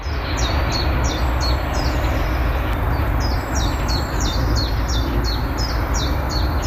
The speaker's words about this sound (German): Diese frischgrünen Bäume, die vielen Blütenfarben, das Zwitschern der Vögel schon sehr früh am Morgen.